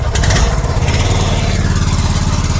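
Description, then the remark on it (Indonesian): A small longtail ketinting boat engine runs loud, a steady throbbing drone with a rough, buzzing low rumble that holds constant throughout, with no voices, as the boat travels about an hour from Yaniruma District toward the Korowai Batu village. “Ya, pendengar, saat ini kami akan melanjutkan perjalanan dengan menggunakan perahu ketinting, di mana kami harus menempuh perjalanan sekitar 1 jam untuk dapat sampai di kampung Korowai Batu.”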